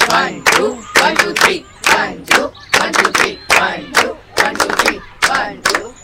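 A group claps together in a steady repeating pattern of short, sharp bursts, like two quick claps followed by three, with voices calling out underneath.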